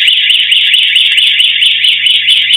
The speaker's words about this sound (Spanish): Dos personas llegaron en moto y con los cascos puestos rompieron la puerta de vidrio para luego forzar la reja. Las cámaras de seguridad del comercio registraron el momento en el que se disparó la alarma y los delincuentes se apuraron.